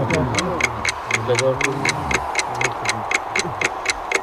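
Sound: alarm clock ticking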